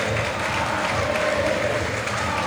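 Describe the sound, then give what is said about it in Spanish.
A large crowd of Boca fans at the Boca stadium applauds and cheers Paredes, the Boca captain, as he leaves after receiving a plaque before the match, in a dense, steady wash of clapping and crowd noise that holds at an even, loud level throughout, with no clear individual voices. “Qué amor que hay, entre Boca, Paredes, Paredes, la hinchada, aplaudido.”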